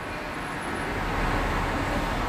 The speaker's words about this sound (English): Cars.